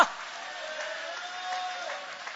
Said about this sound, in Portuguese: Tem pessoas aqui que já nasceram de novo. Levanta a mão então e aplaude. Levante a mão e glorifica.